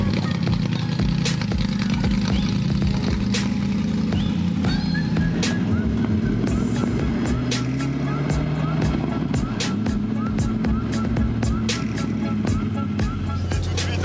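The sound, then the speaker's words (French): A loud race car engine rumbles low and steady, the revs rising and falling in waves, while sharp crackles and pops burst repeatedly from its reworked exhaust over the drone. The car is not road-legal and is driven inside a school's enclosed grounds. “Ah, le bruit est excellent. Vous avez travaillé les échappements en plus pour avoir un son pareil.”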